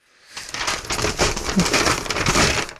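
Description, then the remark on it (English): A sheet of paper crinkles and tears for a few seconds, a dense run of crisp, crackling rustles that starts abruptly and stays fairly loud throughout, with no one speaking. “Sorry, just Oh, shivers, now I've ripped it.”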